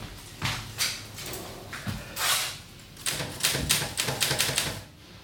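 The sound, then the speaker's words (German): A mechanical typewriter clacks away in uneven bursts of sharp keystrokes, with brief pauses between runs and a quicker flurry toward the end, with no voices. “Die Schreibmaschine.”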